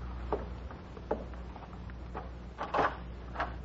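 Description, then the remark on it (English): A closet door is handled and shut: a few soft wooden knocks and clicks spaced out over a few seconds, ending in a fuller thud and rattle, over a low steady hum. “He put the vial in his jacket pocket and closed the closet.”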